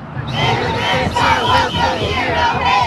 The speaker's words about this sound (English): Protesters lined the street across from the agency's office building. For hours, they blew whistles, yelled chants, and held signs that said things like ICE out.